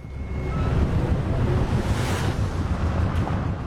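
Loud, steady rush of river water churning through rapids and whirlpools where a rafting boat is being steered, a continuous roaring wash with a heavy low rumble and no pauses, with no voices.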